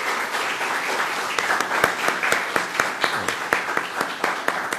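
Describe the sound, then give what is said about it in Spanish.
An audience applauds steadily for several seconds for a doctor introduced as a guest at a preparatory school, a dense patter of many hands with sharper individual claps popping out at a fairly regular rhythm. “para quien también pedimos un gran aplauso.”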